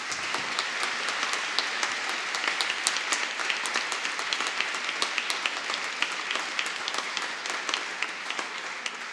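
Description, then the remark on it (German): Sustained applause from a concert audience in thanks to the supporting institutions and everyone on, in front of and behind the stage. A dense crackle of many hands clapping steadily for about nine seconds with no voices, individual sharp claps popping out of the wash. “Einen großen Applaus.”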